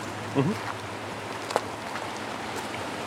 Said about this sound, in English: that was a big splash.